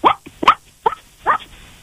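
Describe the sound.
A person imitates a dog barking, giving four short, sharp woofs spaced evenly, with brief pauses between each bark and no other talking.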